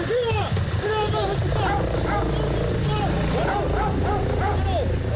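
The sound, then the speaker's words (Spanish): Police dogs bark and yip repeatedly in short, excited bursts during an Ertzaintza security exercise with agents and helicopters, over a steady background rumble with voices talking underneath. “Un despliegue de medios recreando incluso detenciones o actuaciones contra explosivos con agentes, perros y helicópteros.”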